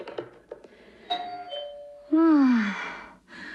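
A doorbell chimes in two tones, a softer higher note followed by a loud, lower one that slides down and fades, with no one talking.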